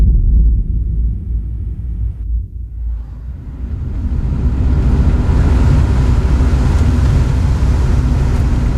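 Steady low rumble of a car driving, heard from inside, as Lil' Kim rides in the car on the way to prison in September, with the road and engine noise swelling and brightening into a broad, constant roar after a few seconds. No voices.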